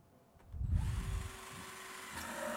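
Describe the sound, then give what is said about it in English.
An ordinary power drill whirs, starting around half a second in with a loud low rumble that settles into a steady motorized hum lasting to the end. “Walang special na gamit na kailangan. Yung drill na yan ay meron kayo.”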